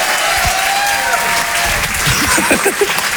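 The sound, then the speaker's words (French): A loud, steady wash of audience applause for a comedian at the Rire et Chanson Comedy Club fills the whole clip, dense clapping with a few scattered cheers and whoops rising out of it toward the end. “on peut l'applaudir très très fort, bravo”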